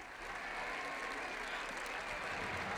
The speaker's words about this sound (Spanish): Ha sido aplaudida por la grada, rendida a quien quizás sea la futbolista más importante del club.